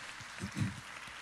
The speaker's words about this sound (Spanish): Les damos un fuerte aplauso a mis hermanos que van de salida. Dios les bendiga. Gracias.